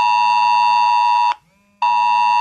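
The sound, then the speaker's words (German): A loud, harsh, buzzing mobile phone emergency alert tone, sent as a test on Germany's nationwide warning day in Kreis Coesfeld, with steady stacked harmonics, sounding continuously, cutting off briefly for about half a second, then resuming at full volume. No one speaks. “Zusätzlich sollte euer Handy so oder ähnlich schrillen.”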